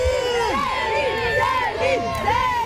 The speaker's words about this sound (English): That is fans cheering outside a hotel